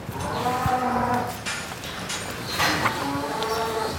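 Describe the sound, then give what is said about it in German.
Cows moo in long, drawn-out calls during a brief conflict within the herd in a cowshed, one near the start and another toward the end, over a steady rustling background with occasional knocks and shuffling from the herd. “Das war jetzt auch wieder so eine Art kurzer Konflikt”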